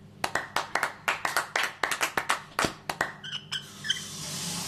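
A small group claps for about three seconds, the sharp hand claps coming in a quick, slightly uneven rhythm, then thinning out into a soft steady hiss. No one speaks.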